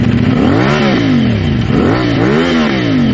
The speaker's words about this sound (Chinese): 2026年6月24日晚上10点多，北京市公安局顺义分局交通管理支队杨镇中队在辖区内发现了一辆改装的摩托车。当民警拧下油门的时候，轰鸣声震得整条街都嗡嗡作响。